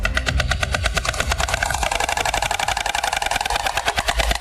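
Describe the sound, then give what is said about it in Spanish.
White storks clattering their bills in the centre of a town with stork nests, a loud, dry, rapid wooden rattle in a fast steady rhythm that runs without pause for the whole few seconds, with no voices. “Es el crotoreo de las cigüeñas, su peculiar canto.”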